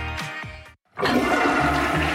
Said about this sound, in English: Do you hear that? That's millions of liters of raw sewage dumping straight into Winnipeg rivers. Disgusting.